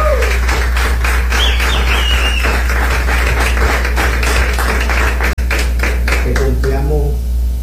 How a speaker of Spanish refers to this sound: Fue idea de él, y aquí estamos sorteando esta moto. Aplausos para todos los empresarios y comerciantes.